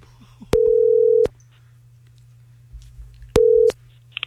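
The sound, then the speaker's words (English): Phone ringback tone of an outgoing call to a woman: two steady, mid-pitched electronic tone bursts separated by a long pause, clear and prominent over a faint low hum, with no one speaking. “So I called her.”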